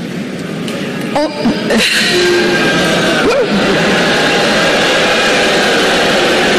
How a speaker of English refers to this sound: speech at the University of Central Florida took an awkward turn when the speaker called AI the next industrial revolution. That set off a bunch of boos from the crowd.